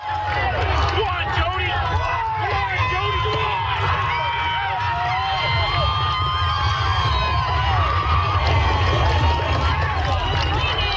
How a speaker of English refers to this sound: And finally, an energetic crowd came out for PEI's iconic Gold Cup and Saucer race that took place last night at 11:58 p.m.